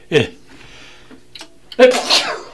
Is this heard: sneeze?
yes